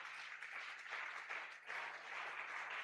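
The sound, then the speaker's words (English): An audience claps steadily, a dense, continuous patter of many hands with a brief dip in the middle before it swells again. No one speaks over it. “They run and clap.”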